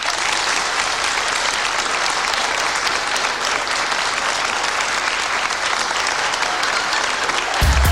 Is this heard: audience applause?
yes